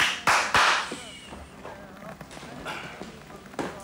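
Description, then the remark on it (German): Two sharp, loud hand claps in quick succession, as if summoning a waiter, followed by a stretch of quieter background murmur and faint clatter. “Entschuldigung, meinten Sie mich mit dem Klatschen?”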